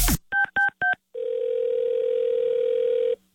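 Three quick telephone keypad beeps in a rapid row as a prank call is dialed, followed by a long, steady phone tone held for about two seconds, clear with no voices.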